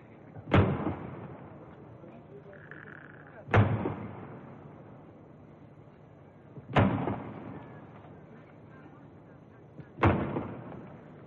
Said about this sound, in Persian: 50 تیر توپ به مناسبت 50 سال شاهنشاهی پهلوی شلیک می شود.